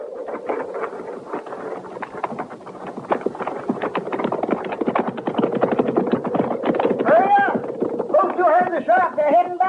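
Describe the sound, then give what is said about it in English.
Horse hooves clip-clop in a steady, busy rhythm as riders mount up and ride off, with wind and rumbling movement underneath; near the end, higher tonal calls rise over the hoofbeats. “All right, get on that horse”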